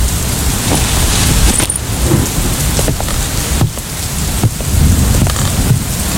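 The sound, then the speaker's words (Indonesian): Heavy rain pours down steadily and grows heavier over steeply sloping land, in a dense, continuous hiss with scattered sharper drops, and a low rumble underneath suggests thunder. No one speaks. “Hujan semakin deras.”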